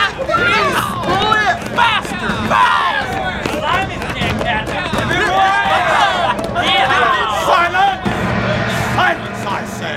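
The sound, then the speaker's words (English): A crowd of male prisoners on a ship's deck cheering and shouting excitedly as they watch a lone prisoner rowing furiously in a ship's boat, chased by boats of soldiers and sailors; many overlapping voices rising and falling in loud, continuous whoops and calls with busy thumping underneath. “some of the other prisoners were celebrating as they watched a lone prisoner in a ship's boat rowing furiously, with boatfuls of soldiers and sailors chasing him.”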